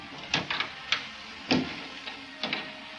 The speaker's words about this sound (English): Better shut this door.